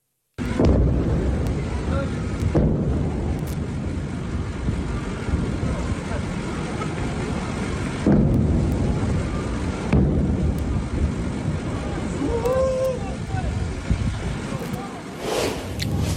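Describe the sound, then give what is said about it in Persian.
Several heavy explosions boom one after another at dawn on 24 Tir in Sirik, Iran, recorded on video, each a sharp blast trailing into a long rolling rumble, with a steady wash of outdoor noise in between and a fainter crackle near the end. “ویدئوی رسیده از مخاطبی به ایران اینترنشنال وقوع چند انفجار رو در بامداد 24 تیر ماه در سیریک نشون میده”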